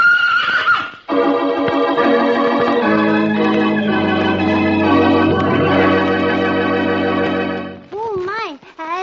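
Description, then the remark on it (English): Betsy the mule gives a loud, drawn-out neigh with a strained, buzzy tone that holds for several seconds, then breaks into a few short, wavering whinnies that rise and fall in pitch, as she runs at Roy to kick him. “The room, the mule runs at Roy, last picture, and Roy hears Brash out, "Hey, Roy, duck!"”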